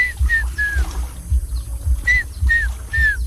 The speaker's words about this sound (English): The African fish eagles, the sound, please protect the fishermen in the lake. Wow. Yeah, the superstar species is one of the African fish eagles.